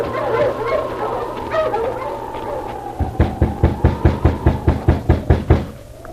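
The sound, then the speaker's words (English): A halted team of sled dogs whine and yip together at first, in the early morning at an isolated spot surrounded by birch trees in the snow. Then a quick, steady run of about a dozen sharp, loud barks follows, with a high whimpering tone lingering underneath. “and then, in the early morning, at an isolated spot surrounded by birch trees, a driver halted his team of dogs.”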